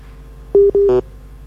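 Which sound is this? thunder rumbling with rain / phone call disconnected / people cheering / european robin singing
phone call disconnected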